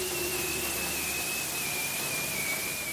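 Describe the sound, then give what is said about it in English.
A bearded seal's spring mating call in Arctic waters: one long, eerie whistle that glides slowly downward in pitch, sustained and unbroken over a steady hiss of background noise, with no voices. “That strange whistle, like a falling bomb, is the mating call a bearded seal makes in the spring, love bombing his potential mate, if you will.”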